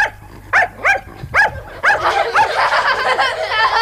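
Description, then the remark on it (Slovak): A dog barks in a quick series of sharp, high yips, about five in a row, then breaks into a dense, excited flurry of yapping and whining that runs to the end. “A ďalší pes.”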